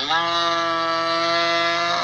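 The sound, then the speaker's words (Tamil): A buffalo lows in one long, steady, droning call that holds its pitch for about two seconds, loud, with no talking over it. “இந்த எருமை வேற, நீ கேக்குறத விட அது ரொம்ப ஆர்வமா இருக்கு போல.”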